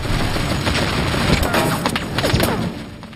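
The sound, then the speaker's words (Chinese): Bursts of gunfire from German forces at night crackle in a dense, continuous barrage, sharp cracks and pops overlapping with rumbling booms, loud throughout with no pauses. “德军仍然在射击，但是滑翔机借着夜色的掩护离得越来越近，悄悄地滑翔到地面。”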